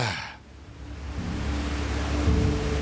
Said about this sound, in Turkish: Şelalenin ana akış yeri işte burada.